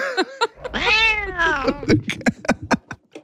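A cat gives one long, drawn-out meow, rising and then falling in pitch, with a few short chirpy sounds just before and after.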